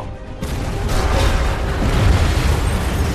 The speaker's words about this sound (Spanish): Una enorme explosión hace que el final de la pista se doble y se derrumbe.